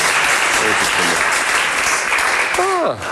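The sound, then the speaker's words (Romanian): Loud, dense applause fills the whole clip as a steady wash of clapping, with a brief voice rising and falling in pitch near the end. “Dacă știam că așa se aplaudă, mai ziceam de astea bunică.”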